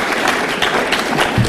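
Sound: audience clapping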